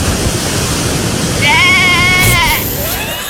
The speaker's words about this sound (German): Was macht das Schaf da? Wir sind halt doch in Südtirol, ja.